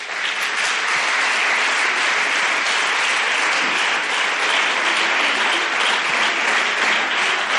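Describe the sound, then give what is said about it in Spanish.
Sustained audience applause for the jury members at a singing contest fills the space, a dense, steady wash of many hands clapping at an even loudness for several seconds without any voices rising above it. “Pido un fuerte aplauso para ellos.”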